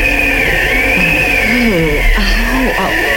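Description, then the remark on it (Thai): Stormy wind and thunder roar steadily throughout, with wavering, howling whistles rising and falling over a constant deep rumble, loud, with no clear separate thunderclap. “ก็ต้องสะดุ้งเป็นครั้งที่สองเพราะนอกจากเสียงหมาหอนแล้วเสียงลมพายุเสียงฟ้าร้องก็ดังติดตามมา”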